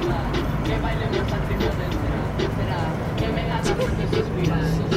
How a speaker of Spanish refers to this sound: Pues hay tráfico, pues sí, hay trafiquillo, ahí hay carga pesada, tiene toda la razón.